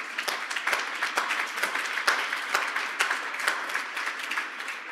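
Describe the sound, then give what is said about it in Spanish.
An audience applauds the Lord together in a steady, dense wash of claps, sustained and fairly loud for the whole stretch, with individual sharp claps popping out of the crowd noise. “Den un fuerte aplauso una vez más al Señor.”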